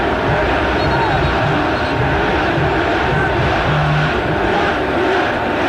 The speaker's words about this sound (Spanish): Gol. Gol de Boca. Lo grita el público.